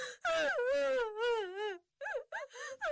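A woman wails loudly in one long, wavering cry, then breaks into several shorter sobbing bursts with brief gasping pauses between them, alone.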